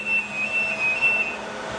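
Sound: supercomputer room machine noise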